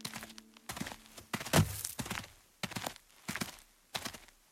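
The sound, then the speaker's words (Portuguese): Slow, steady footsteps thud one after another, about a step every half second, fairly heavy, with a faint hollow echo and no voices, as a group cautiously approaches the entrance of a cave. “O bando aproximou-se cautelosamente da entrada da caverna.”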